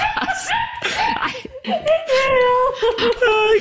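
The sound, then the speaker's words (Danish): A dog whimpers in a run of high, wavering whines, several drawn-out cries that slide up and down in pitch, fairly loud with short breaks between them and no talking. “Hvis nogen skulle være i tvivl, så er det hunden.”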